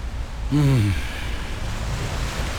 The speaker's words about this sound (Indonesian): Malam tu lebih kurang macam ni lah keadaannya, cuacanya. Hujan renyai, jalan pelicin.